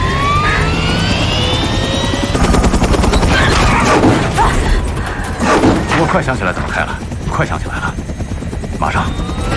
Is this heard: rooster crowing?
no